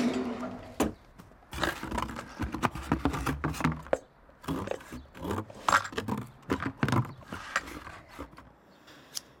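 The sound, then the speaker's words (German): Snipping and rasping as scissors cut open cardboard sealed with tape over a gap beneath it, a busy run of sharp cuts, crackles and scrapes with brief pauses, loud, with no voices. “Unter der Pappe, da ist so ein Zwischenraum. Alles dicht mit Klebeband. Ich hol die Schere.”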